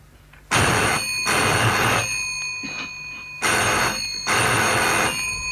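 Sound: telephone ringing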